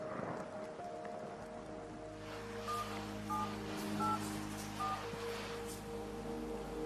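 Steady rain hisses throughout at moderate volume, rain that is causing flooding, while a low hum runs underneath, and a few short paired electronic beeps, like phone keypad tones, sound partway through.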